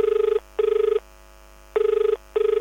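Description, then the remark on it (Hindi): A telephone ringback tone sounds in two double-burst rings, each pair of short electronic buzzes separated by a pause, clear and steady with no voices, as the first caller is connected to the Akashvani radio phone-in programme Hello Farmaish. “तो चलिए बिना किसी देरी के जुड़ते हैं हमारे पहले कॉलर से और जानते हैं उनकी कौन सी फरमाइश है, वो कौन सा गाना सुनना चाहते हैं।”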